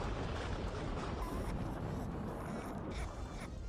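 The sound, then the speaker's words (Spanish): A thunder sound effect: a deep, continuous rolling rumble with a crackling, noisy texture that stays loud and steady for nearly four seconds, easing only slightly near the end. “Ahí está, miren, escuchen el trueno.”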